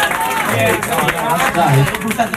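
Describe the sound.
A crowd claps in a steady, dense patter of overlapping hand claps, with lively voices and cheering mixed in throughout, fairly loud from start to finish.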